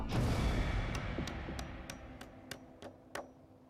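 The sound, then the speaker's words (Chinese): Nails are hammered into a wooden board, added to steady a wobbling structure under construction, with a quick, steady run of about eight sharp, evenly spaced strikes over a low background rumble, with no talking. “好了好了，打钉。”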